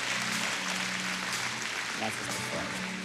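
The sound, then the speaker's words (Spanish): An audience at the Centro Cristiano church applauding the Lord steadily and loudly, a dense crackle of many hands clapping at once, with a low hum of voices or music underneath. “Mantenga ese aplauso bien fuerte, vamos.”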